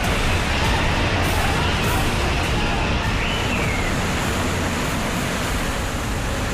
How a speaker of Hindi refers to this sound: कहीं पर पहाड़ टूट रहे हैं तो कहीं पर कुछ ऐसे ही है, बरसाती नाले बस्तियों के बीच बहते चले जा रहे हैं। जम्मू कश्मीर में मूसलाधार बारिश से पहाड़ दरक रहे हैं।